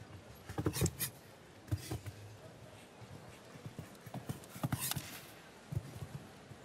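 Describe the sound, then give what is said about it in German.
Hooves of a nine-year-old show jumping horse clip-clop across an arena in uneven bursts of thudding steps, moderately loud, with quiet ambient noise between the footfalls. “Das ist wirklich auch mit 9 Jahren noch ein Pferd, das ganz am Anfang dieser internationalen Laufbahn im Springsport steht.”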